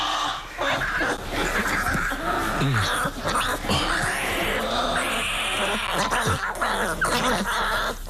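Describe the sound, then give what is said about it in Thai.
Hungry newborn bear cubs, born during hibernation, cry loudly and insistently for their mother's milk, a continuous chorus of overlapping whining squeals and bleating wails that rise and fall without pause. “ลูกหมีจะเกิดระหว่างช่วงจำศีลมันจึงต้องร้องดังเพื่อขอนมแม่”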